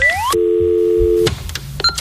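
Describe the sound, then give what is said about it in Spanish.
A landline dial tone from the fixed telephone in the show's 'garito' hums steadily for about a second after a quick rising electronic sweep, then cuts off into handset clicks and a brief high beep. “Vamos a ir a nuestro teléfono fijo, que tenemos un teléfono fijo aquí en el garito del Esclavero, el Francotirador.”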